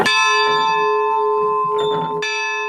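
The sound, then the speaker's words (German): A single loud strike of a church bell, rung from up in the church tower in the Gailtal, rings out with a long, shimmering sustained tone, its hum decaying slowly while faint muffled background noise stirs underneath. “Kann man da oben dann die Glocke läuten? Na, wenn ihr wollt, kennt die Glocke auch läuten.”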